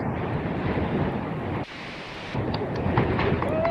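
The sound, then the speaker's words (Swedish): Strong wind roars across a rocky seashore on Hönö in the archipelago, a dense, continuous rushing picked up by a phone lying in a rock crevice, with a brief dip in the gusting midway before it surges back. No voices. “Jag har mest blåst.”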